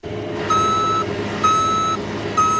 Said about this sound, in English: age 65, loads soybeans into a cargo truck.